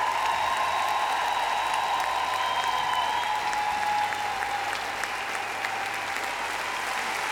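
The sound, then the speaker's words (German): A large audience in Berlin applauds the show's band steadily for several seconds, a dense, continuous wash of clapping with a faint sustained tone running underneath, fairly loud and even throughout. “Und einen großen Applaus für die Herrschaften, die richtig Vollgas gegeben haben.”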